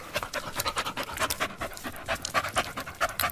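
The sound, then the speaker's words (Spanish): A dog pants rapidly and steadily, quick breathy huffs repeating in an even rhythm for a few seconds with no voices. “No, pero y luego había otro donde el perro había caminado. Creo que es un perro.”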